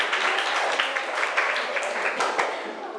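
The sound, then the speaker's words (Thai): A group of children in a class clap their hands for a classmate who answered a question well, a dense, irregular patter that holds steady for about three seconds, then thins slightly toward the end. “เรียบเนียนใช่ไหมคะปรบมือให้เพื่อนเก่งมาก”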